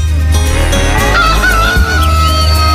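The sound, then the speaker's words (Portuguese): An old rooster crows once, loud, at 6:08 in the morning: a drawn-out harsh call over a steady low rumble in the background. No one speaks. “Canta, galo velho.”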